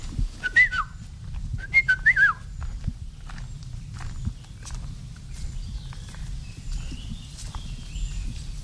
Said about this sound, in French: Et si on pouvait le voir, souvent on ne le voit pas, il est dans la canopée, c'est un oiseau jaune et noir. Donc c'est un oiseau qui est vraiment flashy lorsqu'on le voit dans les guides ou en photo.